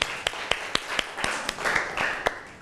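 A Thai classroom group claps together for classmates in group 5 who are about to present their work, a steady run of sharp claps about every quarter second over a dense background of scattered hand claps, moderately loud with no talking.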